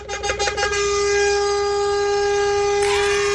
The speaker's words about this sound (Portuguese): Uma buzinada pra vocês e tudo de bom, hein?